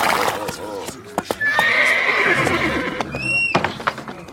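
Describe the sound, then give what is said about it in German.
A wild unicorn, led in from the forest to be shod at a forge, lets out a long, wavering high-pitched whinny, followed by a few shorter rising squeals, while sharp hoof clops strike irregularly throughout. “Du musst mit hereinkommen, um das Tier ruhig zu halten.”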